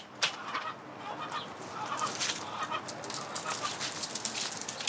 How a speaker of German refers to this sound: Appenzeller Spitzhauben. Das Versorgen der seltenen, robusten Schweizer Hühnerrasse gehört zu den täglichen Aufgaben der angehenden Bürokauffrau.